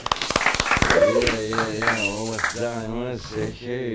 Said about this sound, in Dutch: Hopla, applaus, applaus.